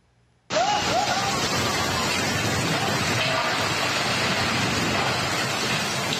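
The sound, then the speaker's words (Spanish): A torrential downpour in Fujian province, China, after Typhoon Saudel, bursts in abruptly as a three-story house collapses, keeping up a dense, steady, loud roar of rain, with a brief faint voice near the start. “Una casa de 3 pisos se desplomó en medio de una tormenta.”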